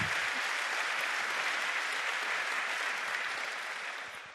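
Steady audience applause in Wernigerode, a dense patter of many hands clapping that holds for several seconds before tapering off slightly at the end, with no talking.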